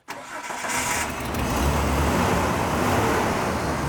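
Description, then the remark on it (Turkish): A repaired car engine, with its wiring fixed and seven injectors fitted, cranks briefly, catches, and settles into a steady, even, smooth idle with a low rumbling hum that holds constant to the end. “Daha güzel çalışıyor. Rölanti sarsıntısız.”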